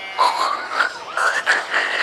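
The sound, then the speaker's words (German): A voice imitates a pig with a run of nasal, snorting grunts, five or six rough bursts with a wobbling, rising and falling pitch, fairly loud and with no other talk. “Das klingt jetzt aber eher nach Schwein.”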